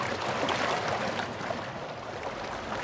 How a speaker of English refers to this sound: Sometime later, Mr. Brown stopped rowing and let the boat drift lazily downstream in the current.